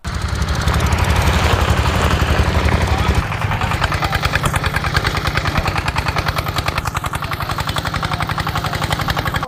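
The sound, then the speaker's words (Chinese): A farm tractor engine runs loud, its diesel chugging in a fast, steady pulse that continues unbroken from start to finish, in an onion field during the onion harvest, where harvested onions are being moved from one vehicle to another. “啊，他这个车子装的太多了，再把它从那边运到这个车上，运到边上，运到那个地方去，拖拉机就不能进来了。”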